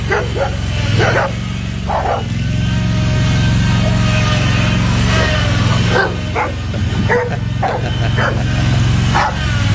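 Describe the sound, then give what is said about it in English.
A dog barks repeatedly in short, sharp bursts over a steady low rumble of engine or road noise, with a few whimpering yips mixed in. “Watch me chase at it. Maybe a brown dog.”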